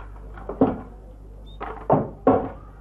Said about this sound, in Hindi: तो सुनो, मैं दरवाजा खोलता हूँ।